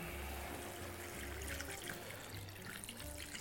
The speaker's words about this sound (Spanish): Bueno, vamos a completar con un poquito de agua.